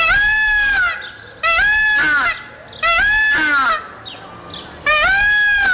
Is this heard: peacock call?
yes